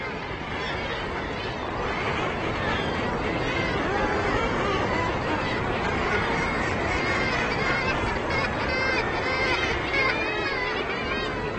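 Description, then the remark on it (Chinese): A dense, continuous din from a seabird colony of tens of thousands of gulls, fulmars and guillemots nesting on a sea cliff in spring, countless overlapping squawks and cries blending into a loud, steady roar with no pauses throughout. “春天，数以万计的海鸥、管鼻户和海鸠会在那里筑巢，足以让几个狐狸家族衣食无忧。”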